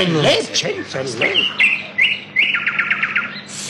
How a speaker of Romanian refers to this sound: Auziți? Cântă privighetoarea. Priviți acolo, spre copacul cel mai înalt.